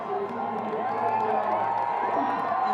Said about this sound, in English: He's really enjoying it, as you can see. The crowd cheering him on.